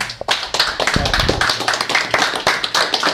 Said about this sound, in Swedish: De ska ha sin applåd.